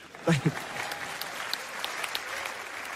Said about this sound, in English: Y'all can clap for that.